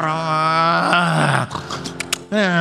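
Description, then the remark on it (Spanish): A voice imitates loud snoring as a droning airplane engine: a long, buzzing, throaty groan, then a ragged breathy rasp and another drone starting up, without other talk. “Roncando, hermano, haciéndole la figura de que el ronquido es el motor del avión.”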